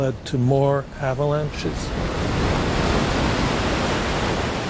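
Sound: wind picking up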